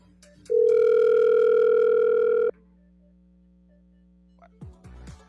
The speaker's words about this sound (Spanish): Bueno, está sonando el teléfono, pero suena y no contesta.